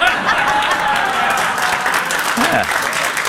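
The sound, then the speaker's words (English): A crowd applauds steadily, a dense wash of many hands clapping at once that stays loud and even throughout, with a brief murmur of voices mixed in. “Some applause on that one.”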